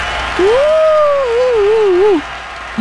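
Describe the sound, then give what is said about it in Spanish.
Steady applause on a Norteño 104.1 FM radio program fills the whole stretch, with a wavering, wobbling whistle-like tone riding over it for a couple of seconds before the clapping continues on its own. “¡Aplausos!”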